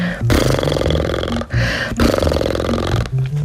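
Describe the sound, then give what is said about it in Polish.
A person imitates a horse snorting as the closing exercise of a speech warm-up before practising the Polish r sound, blowing loud, buzzing lip-flutter bursts with a low voiced rumble, repeated three times with brief breaks between them and no talking. “Na koniec prychnijcie, czyli zróbcie tak.”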